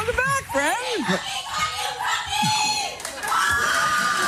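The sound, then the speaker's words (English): A lively live audience shouts and cheers, with high-pitched whoops and excited voices overlapping in a continuous, loud burst of noise. “That's, we rarely have when people come out and they come out loud.”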